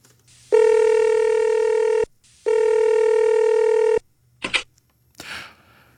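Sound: telephone dialing and ringing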